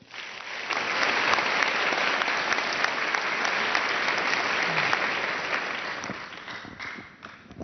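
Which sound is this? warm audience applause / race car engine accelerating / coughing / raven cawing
warm audience applause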